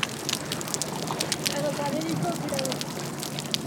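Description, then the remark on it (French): Dense, continuous underwater crackling, a steady fizz of tiny pops and clicks at low volume with no boat noise, and a faint muffled tone drifting underneath. “Il n'y a pas le bruit des bateaux. Donc on entend beaucoup mieux les crépitements.”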